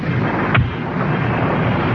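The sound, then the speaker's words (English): Thunder from a lightning storm outside a cabin rumbles in a loud, steady roar, broken by one sharp crack about halfway through the first second. No voices are heard. “It's so dark out there with the storm and all, I can't see. Wait a minute. The lightning.”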